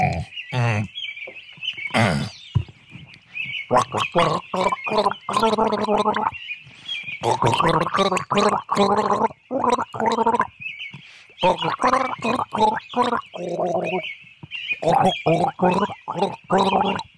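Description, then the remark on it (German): Someone gargles with water in a long, bubbling, throaty gurgle, broken into short voiced bursts with brief pauses, loud and steady across the whole stretch with no talk over it. “Moment, da brauche ich Wasser zum Spülen.”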